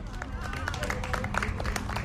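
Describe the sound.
About 33 people on a market square clap steadily and densely for a couple of seconds for the winner of a breakfast game during a live outdoor NDR 1 Radio MV broadcast, a bright, continuous patter of many hands with a murmur of voices mixed underneath.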